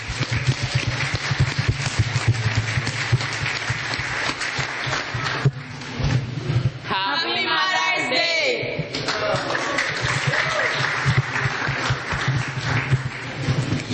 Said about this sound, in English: Let's give a round of applause for our mothers.